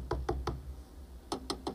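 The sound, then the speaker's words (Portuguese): Someone knocks on a door in two sets of three quick, evenly spaced raps, with a short pause between the sets. The knocks are moderately loud, with no talking. “na porta bateu.”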